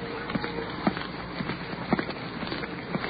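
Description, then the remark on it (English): Footsteps cross a street toward police officers at a steady walking pace, about two firm scuffing steps per second, over a constant hissing background of slight rain and icy cold wind. “Now we're crossing the street.”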